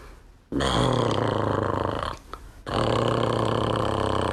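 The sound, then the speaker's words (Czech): A voice imitates a horse, Ferda, snoring in a stable: two long, loud, rasping throaty rumbles separated by a short break, rough and buzzing throughout, with no words spoken. “Jako když Ferda v maštali začne chrápat.”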